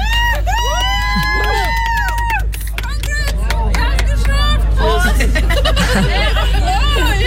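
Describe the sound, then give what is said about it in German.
A lively group of friends cheers and whoops, with excited overlapping shouts and chatter carrying on continuously over a steady low background rumble. They are welcoming two people who have arrived at a festival in Scheeßel, Germany, after walking 65 kilometres from Hamburg. “Ja, kaltes Bier, jubelnde Freunde und 65 Kilometer hinter sich.”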